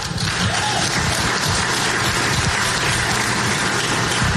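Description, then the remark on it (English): Sustained applause from a crowd clapping for Brian Haywood, a dense steady patter of many hands clapping at an even loudness throughout, with no voices standing out above it. “They're clapping for Brian Haywood, not for the tax, by the way.”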